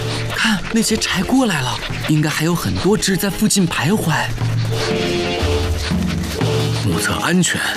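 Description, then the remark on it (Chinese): Dholes (wild dogs) let out a rapid series of yelping, whistle-like calls that rise and fall in pitch, fairly loud, followed by sustained music-like tones. “不是我叫的，这好像是柴的叫声，他们应该是肚子饿了。”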